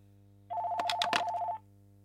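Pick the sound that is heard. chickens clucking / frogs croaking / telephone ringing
telephone ringing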